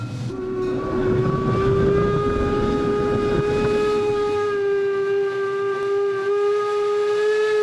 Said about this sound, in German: Also hier geht es sehr den Berg hoch. Ausgangspunkt der Fichtelbergbahn ist Bahnhof Kranzahl an der Erzgebirgsbahn. Von dort dampft die Lok Rauchkammertür voraus, hinauf nach Oberwiesenthal.